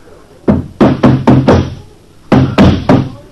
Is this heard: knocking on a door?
yes